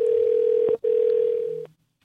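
A steady telephone dial tone hums loud and close, briefly cutting out once before resuming, then stopping after about a second and a half with a faint click.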